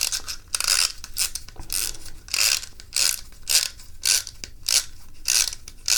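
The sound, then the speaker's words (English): A green clockwork toy boat is wound with steady ratcheting clicks, a rhythmic series of bright, raspy bursts repeating about twice a second, with no voices. “All right, so first, we wind up the boat.”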